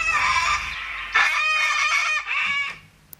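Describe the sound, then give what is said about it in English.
A few cockatoos screech loudly, their harsh calls overlapping in a near-continuous stream before tapering off at the end. No one speaks. “There was a few cockatoos in that one.”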